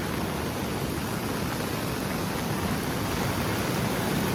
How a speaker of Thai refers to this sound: และดูภาพการขึ้นของระดับน้ำและเชี่ยวกรากอย่างนี้ในแม่น้ำโอเอดะเช่นเดียวกันโอ้โห